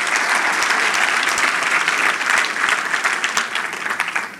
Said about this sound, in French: Je pense que ça mérite un main d'applaudissement.